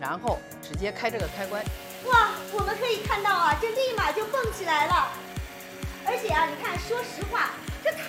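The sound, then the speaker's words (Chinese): A Huandiexiong smart high-speed blender whirs steadily while grinding red beans into fine powder, with a rapid rattling pulse running beneath it. People talk excitedly over the continuous machine noise throughout. “然后直接开这个开关，哇，我们可以看到啊，就立马就蹦起来了，而且啊，你看说实话，这太方便了，咱们俩几句话的功夫，这都已经打好了。”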